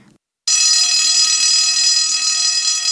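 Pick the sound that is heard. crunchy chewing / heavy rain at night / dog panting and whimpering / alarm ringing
alarm ringing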